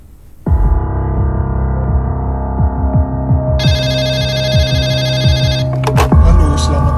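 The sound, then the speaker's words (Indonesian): A telephone rings loudly and steadily at night with a call from a resident of Tanggul District, Jember, its bright electronic tone pulsing over a low throbbing hum, with a brief higher chime near the end. “Malam itu, Erwin Pandia menerima telepon dari seorang warga di Kecamatan Tanggul Jember.”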